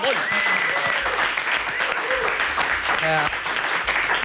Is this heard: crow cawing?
no